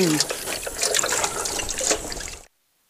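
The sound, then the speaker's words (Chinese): Running tap water splashes steadily for about two and a half seconds as an old antique bowl, brought out for a Sanba banquet, is washed, with the clatter of dishes being rinsed and a faint voice early on, then it cuts off abruptly to silence. “你别洗了，我洗碗。 那你洗碗啊。”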